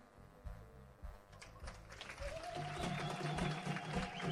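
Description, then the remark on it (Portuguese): An audience at a gathering in Mapai claps for everyone who spoke, a dense crackling patter that starts moderately and grows louder and fuller after a couple of seconds, with a faint sustained tone and murmuring voices underneath. “Peço uma grande salva de palmas porque eles não falaram de problemas pessoais deles.”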